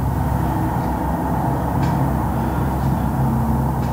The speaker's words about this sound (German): Sie lebt an einer vierspurigen Hauptstraße und erzählt, der Verkehrslärm ist in den vergangenen Jahren immer schlimmer geworden.